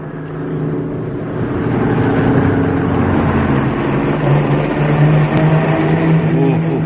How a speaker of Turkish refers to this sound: Çok süratli gidiyor, kaza yapacaklar. Galiba frenleri patladı. Durduramıyor. Eyvah, şarampola devrildi.